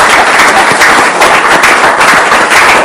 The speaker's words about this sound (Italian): finite l'applauso da … che se lo merita